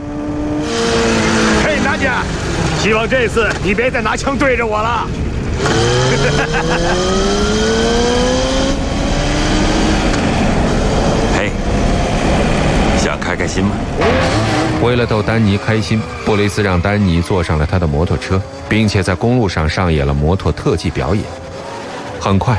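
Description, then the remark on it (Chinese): A motorcycle engine revs loudly as a rider arrives on the motorcycle, its pitch repeatedly climbing and falling as it rides, with voices talking over the roar throughout. “这时，摩洛骑着摩托车出现了，而他正是要为布雷兹他们引路的。”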